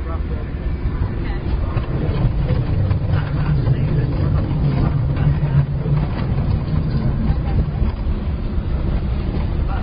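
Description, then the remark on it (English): A test vehicle's engine drones steadily under load as it climbs a hill in a test area, a continuous low rumble with a faint rising tone in the middle, holding an even loudness for the whole stretch. “Vehicle 1 is clear for hill climb.”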